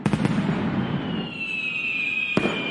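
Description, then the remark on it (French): Fireworks of all colours going off, with sharp crackling bursts at the start, a long rising-then-steady whistle streaking across the middle, and another loud bang near the end, all amid a dense crackle. “Des feux d'artifice, Florent, de toutes les couleurs”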